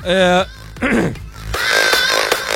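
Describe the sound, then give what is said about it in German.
A few raspy throat clearings: a short buzzy, voiced grunt, then a rougher noisy scrape, then a longer gravelly rasp, all fairly loud with no speech. “Entschuldigung, da habe ich einen Frosch im Hals oder ein Kloß im Hals oder.”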